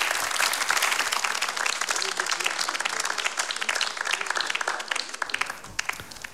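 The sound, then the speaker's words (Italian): Sustained applause from the audience in Sala A at Radio 3's Voci in Barcaccia – Largo ai Giovani new-voices competition: dense, crackling clapping that holds steady, then thins into scattered claps toward the end as it dies away. “Eccoci dunque, lasciamo spegnersi gli applausi in sala A dal pubblico che ha assistito a questo nuovo appuntamento di Voci in Barcaccia Largo ai Giovani, il concorso di voci nuove di Radio 3”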